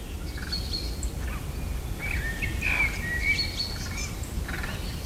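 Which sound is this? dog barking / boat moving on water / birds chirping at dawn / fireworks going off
birds chirping at dawn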